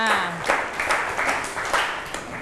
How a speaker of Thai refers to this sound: ครับโอเคปรบมือให้เพื่อนค่ะ